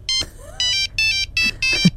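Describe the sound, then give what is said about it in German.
A bright, tinny 1990s Nokia mobile phone ringtone plays in quick repeating bursts of electronic tones, fairly loud, with no one talking. “Das war Nokia. Ja, das in den 90ern.”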